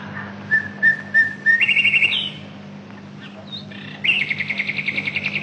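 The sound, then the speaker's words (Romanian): A nightingale sings in varied phrases: repeated chirps, then rapid trilling bursts and pulsing rattles, over a steady low hum with no voices. “Vreau să trăiesc, să văd soarele, să ascult privighetoarea.”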